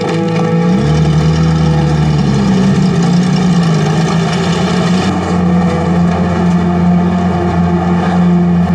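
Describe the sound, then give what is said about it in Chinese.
A motorcycle engine runs steadily and loudly throughout, its low throbbing hum shifting pitch slightly early on as the rider twists the throttle back and forth on the handlebar, with no voices present. “不紧张的时候在方向盘来回拧，这是摩托车呀。”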